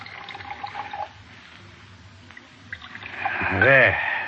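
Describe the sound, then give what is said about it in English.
Brandy glugs as it's poured into two brandy snifters, the splashing rising in pitch as the glass fills, after a brief stretch of faint murmuring voices. “Brown, I'll pour, Elsie.”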